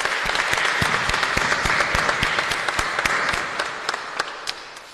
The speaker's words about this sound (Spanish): De la edición saludamos a nuestro hermano policía en su día y a Santa Rosa, un fuerte aplauso para ellos, felicidades.